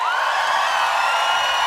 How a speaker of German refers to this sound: Kann ich bitte noch einen großen Applaus haben für die Band?